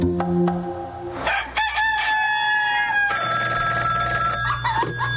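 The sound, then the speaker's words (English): A rooster, one of two roosters up in a tree on Glen Lake, crows loudly, a few long, drawn-out calls following one another with a brief pause between, and no one talking. “Do you know that you have two roosters up in your tree?”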